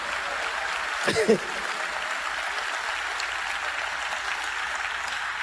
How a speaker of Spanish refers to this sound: El aplauso al Señor.